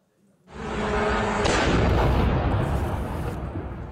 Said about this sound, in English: NATO and the EU are condemning Russia after a drone crashed into a 10-story apartment block in Romania and exploded.